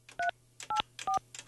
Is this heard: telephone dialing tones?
yes